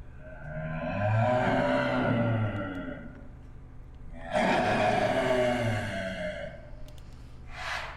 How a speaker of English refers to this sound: And this is a clouded leopard.